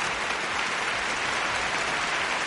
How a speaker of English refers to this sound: I like that. Applause. That's good.